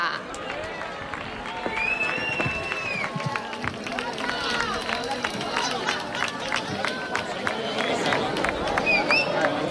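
A crowd applauds steadily for several seconds, dense clapping filling the space, with scattered whistles and cheers rising over it from a sizable audience.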